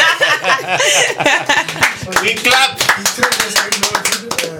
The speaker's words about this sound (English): We clap.